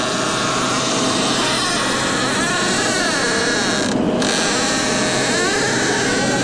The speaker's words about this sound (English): Can we listen to this squeaky door that Juan sent us? Thank you for this, Juan.